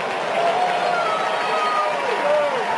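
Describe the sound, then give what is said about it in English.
The baseball crowd at Target Field cheers after a home run in the first inning, a steady, dense roar that holds at a loud level throughout, with a few higher voices and whistles rising briefly above the din. “You hear a lot of cheers here at Target Field.”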